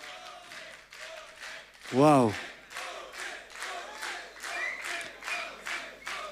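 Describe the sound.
A crowd applauds steadily throughout, a dense wash of clapping with rhythmic swells, and one voice lets out a loud, rising exclamation partway through.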